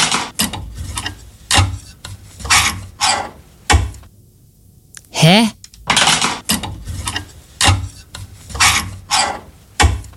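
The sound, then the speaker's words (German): Clothes hangers scrape back and forth along a wardrobe rail in a dozen quick, rasping metallic slides, fairly loud, with a brief puzzled vocal exclamation in the middle. “Ach, jetzt ziehst du den Bügel hin und her?”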